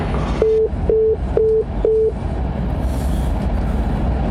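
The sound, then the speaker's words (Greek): Four short, evenly spaced electronic beeps of a telephone busy tone from a call that goes unanswered sound clearly over a steady low rumble, then the beeping stops and only the rumbling background continues. “Ρε Καραγκιόζη, απάντα το τηλέφωνο σου λέω.”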